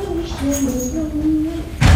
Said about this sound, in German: Oh, oh, ich höre ihn schon an der Tür.